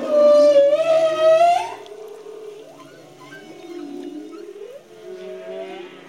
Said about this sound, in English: I swear I thought it was a recording. It was like being dropped in this beautiful concert hall. We could hear numerous male humpback whales make these beautiful sounds.